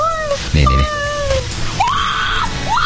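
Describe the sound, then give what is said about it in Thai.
Several high-pitched, frightened screams rise and fall in quick succession, loud, with a low rumbling thud partway through and a steady hiss of wind underneath. People scream after a camera filming upward shows a face peering out. “ในช่วงที่ไปถ่ายรายการเอากล้องถ่ายขึ้นไปตามอะไรคุณฟังลองฟังเสียงนะฟังเสียงคนที่เขากรี๊ดนะฮะนี่ฟังเสียงฮะนี่เสียงลมนะให้จินตนาการตามนะ”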